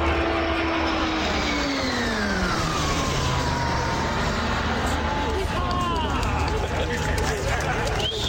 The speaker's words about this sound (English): The Royal Canadian Air Force welcomed the first two of its new fleet of training aircraft, the CT-157 Siskin II, with a ceremonial fly past today at the airport in Gatineau, Quebec.